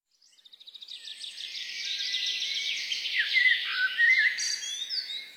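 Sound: birds singing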